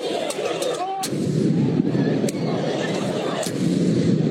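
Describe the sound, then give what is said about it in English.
Fireworks bang repeatedly outdoors outside Madison Square Garden in New York during a street celebration following a Knicks win, several sharp cracks and booms spaced irregularly over a constant roar of a large crowd shouting and cheering. “There were taxi and car windshields all smashed up with people climbing on top of them and box trucks damaged, city bikes destroyed, and fireworks set off all outside of Madison Square Garden.”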